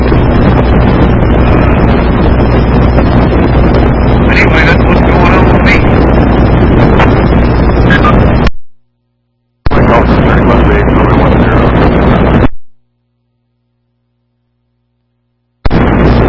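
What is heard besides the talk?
strong wind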